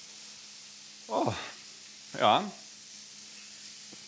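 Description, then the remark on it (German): A steady, quiet sizzle of liver frying in a hot pan hisses throughout as it is deglazed with homemade cognac, interrupted by two brief spoken exclamations from a voice. “Wir löschen jetzt die Leber mit unserem hausgemachten Cognac einfach ein bisschen ab.”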